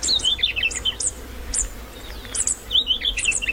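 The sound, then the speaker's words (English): Rapid, high-pitched superb fairy wren trills and chattering calls in bursts, clear over a soft steady background hiss, with a brief pause before another run of twittering. “Like superb fairy wrens, does your family have a secret language?”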